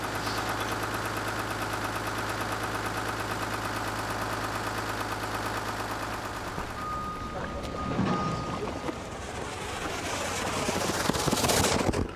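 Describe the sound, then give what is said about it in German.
The large diesel engine of a fire tanker truck carrying 9000 liters of water runs steadily with a deep, constant hum and mechanical whine, then shifts midway into rougher, rushing, clattering noise as the pump works up, building water pressure for artificial rain on a film set. “Über den Motor können sie Druck aufbauen und variieren. Aber zuerst muss Wasser in den Tank.”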